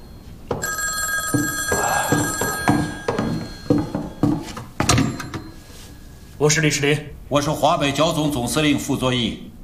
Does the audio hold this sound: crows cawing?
no